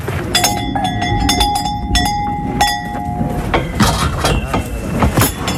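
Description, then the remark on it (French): Several cow-style bells clank and ring on the necks of bulls of a manade, each bell tied around a bull's neck with string while the bulls are held between wooden bars: overlapping metallic tones struck in an irregular jangling rhythm over a low rumbling background, with bright clanks cutting through repeatedly. “Il remue les cloches, pourquoi? Parce que c'est un bruit qu'ils connaissent et qui les apaise.”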